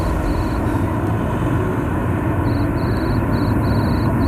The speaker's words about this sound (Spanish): El grillo suena, lo aprecian ustedes porque ya estamos en la calle, es el recreo